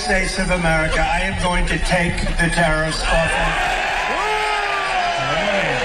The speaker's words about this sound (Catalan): Bueno, és com cantar un gol, eh? Sí. Fora els... El whisky és el seu futbol, també. Home, bueno, en fi, crits d'alegria.